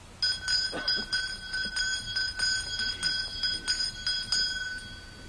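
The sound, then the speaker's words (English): A hand bell, lifted by a Nez Perce spiritual man at a gathering where Nez Perce people and Forest Service people had lined up, rings steadily for about four seconds, its bright metallic tone struck in a quick, slightly uneven rhythm, moderately loud, then it stops. “When the Indians and the Forest Service people had lined up, he lifted a bell.”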